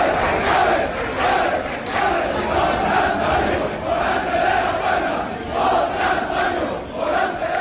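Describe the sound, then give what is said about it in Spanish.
A large crowd roars and cheers in the streets of Seville on Thursday night after bullfighter Morante de la Puebla opened the Puerta del Príncipe for the third time, a dense, continuous wall of voices swelling in loud waves, with shouts and chants rising repeatedly through the din. “Abrió la puerta del Príncipe por tercera vez y se desató la locura en las calles.”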